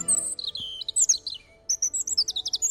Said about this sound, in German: Sehr hochtöniges Gezwitscher. Das wäre ein Rotkehlchen.